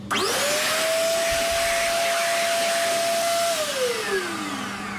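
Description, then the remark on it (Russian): An electric hand dryer in a home bathroom kicks on abruptly and blows loudly and steadily, its motor whining at a constant pitch before the whine starts sliding lower toward the end. No one speaks. “Вот и сушилка.”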